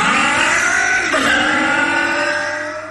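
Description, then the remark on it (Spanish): A loud four-stroke motorcycle engine revs hard, its pitch climbing steadily, dropping briefly as it shifts gear, then rising again before easing off at the end. No voices. “4T Top Loop de Bardal es protección para tu moto de cuatro tiempos.”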